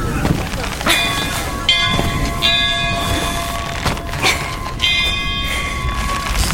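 A large weather bell is rung hard by pulling its rope, tolling several times at an uneven pace, each stroke leaving a long, humming metallic resonance that overlaps the next, over a steady rumbling background.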